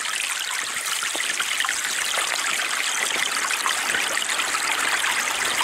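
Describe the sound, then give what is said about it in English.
A small creek of murky stormwater runoff in a park burbles and trickles over bright orange rocks, a steady wash of water with bright splashing detail and no pauses throughout. “I scurried down a large dirt hill, and before me was a little flowing stream of murky water, bouncing between bright orange rocks.”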